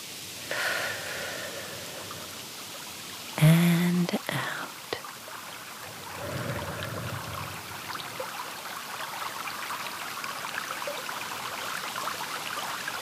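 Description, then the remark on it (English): A small stream in the countryside, its side lined with big, green, moss-covered rocks, ripples and trickles steadily throughout, soft, with a brief brighter tonal sound breaking in early on before the gentle water flow carries on alone. “Can you hear the gentle ripple of the water in this lovely little stream?”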